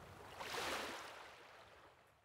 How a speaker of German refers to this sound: Ein bisschen Wind, ein paar kleine Wellen und schon geht's rein ins nasse Vergnügen.